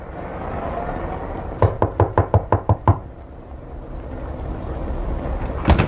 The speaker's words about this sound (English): I knocked on the ramshackle door of 183 Lightman Apartments.